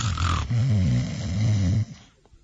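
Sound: storyteller imitating snoring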